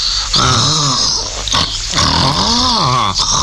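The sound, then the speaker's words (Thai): A dog snores and grunts in its sleep after scratching, two long rasping, wheezy breaths with a rising and falling pitch, fairly loud, with no talking. “ดีดีเกาแล้วหลับต่อเนอะโกรน”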